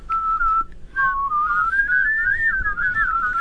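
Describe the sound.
Someone whistles, a clear tone that breaks briefly, then rises into a wavering, bird-like warble for a few seconds, made by dropping the tongue to the bottom teeth, with no talking.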